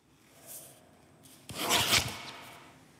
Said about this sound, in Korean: 오늘은 볼펜으로 하겠습니다. 볼펜 갑니다.